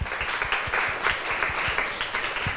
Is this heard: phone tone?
no